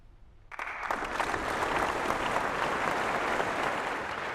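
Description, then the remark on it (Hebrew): Concert audience applause for the Freiburg Baroque Orchestra, conducted by violinist Gottfried von der Goltz, after Vivaldi's Concerto for strings and continuo in D minor, RV 129. It bursts in after a brief hush, swelling into dense, steady clapping at an even, fairly loud level to the end, with no voices. “מחיאות הכפיים לתזמורת הברוק פרייבורג, בניצוח הכנר גוטפריד פון דר גולץ, שנגנה קונצ'רטו לכלי קשת וקונטינואו ברמינור, 129, ברשימת יצירות ויוולדי.”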